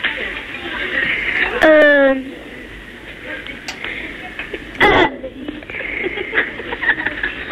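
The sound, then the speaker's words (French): A boy lets out a short, loud burp over the telephone with a rising-then-falling voiced tone, followed a few seconds later by a brief second burst against steady background noise. “J'ai roté.”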